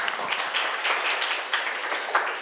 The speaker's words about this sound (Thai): ตบมือเพื่อนหน่อยค่ะนักเรียน